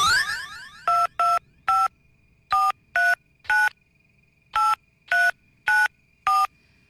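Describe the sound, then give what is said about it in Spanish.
At the radio station Tropicana, a contest winner's phone number is punched in: eleven crisp touch-tone beeps in quick groups, each a short dual-pitched chirp, loud, after a brief modem-like warble at the start. No one speaks. “Aparece nombre, barrio y teléfono. Muy bien, marcamos.”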